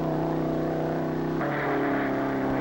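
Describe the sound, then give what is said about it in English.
Race car 138C's engine roars at high revs in high gear through the speed-trial traps, tachometer climbing past 6,000 to 6,500 rpm, reaching 151.06 mph: a loud, steady drone with a buzzing harmonic tone that shifts abruptly about halfway through, then holds. No one speaks. “There's the first marker up ahead, and the tachometer says 5,900, 5,950, 6,000. He's in the trap now at 6,500.”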